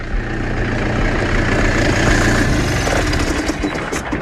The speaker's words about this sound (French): Alors pour essayer d'en savoir un peu plus, je suis en train de monter dans la parcelle parce qu'il y a un tracteur qui travaille là, qui est en train d'arriver vers moi.